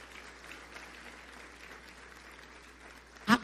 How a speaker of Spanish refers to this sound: ¿Quiere aplaudir? Aplauda. Apláudale al Señor. No se quede con las ganas.